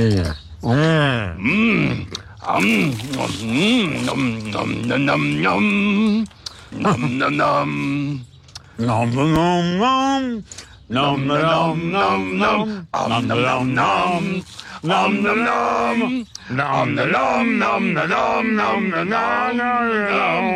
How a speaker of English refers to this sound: Harrison and Cookie Monster are eating cookies while they hum the Indiana Jones theme song together.